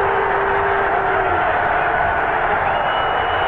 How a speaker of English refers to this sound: Scoring both Brady Anderson and Cal Ripken. So the crowd, you think they just clinched the pennant. They're cheering here.